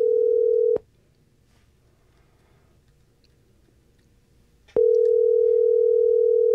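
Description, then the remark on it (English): A phone line's ringback tone of an unanswered outgoing call purrs steadily, then cuts to a long silence of a few seconds before the next ring begins, heard clearly on its own with no voices. “Oh, he's not answering his phone.”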